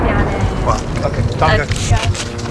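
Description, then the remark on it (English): A loud, steady roar of incoming military jets passing overhead the village of Mashgara fills the air, rumbling continuously with a rushing, wind-like texture while voices are faintly heard beneath it, interrupting an interview with a village official. “He's telling us that although he's not a member of Hezbollah, he does support their cause, when he's interrupted by the sound of incoming jets.”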